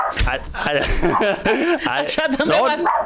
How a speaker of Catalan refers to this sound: Sap per què ha lladrat ara?